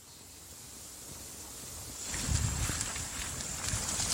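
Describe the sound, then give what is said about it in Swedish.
Steady outdoor wind with a hiss of rain, recorded while walking slowly down toward the water, swelling louder partway through as gusts buffet the microphone, with faint low rumbles and crackles; no one speaks. “Vi lämnar lägenheten och rör oss sakta ner mot vattnet. Det blåser och regnar på oss.”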